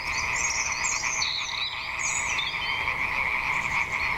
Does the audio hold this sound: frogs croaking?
yes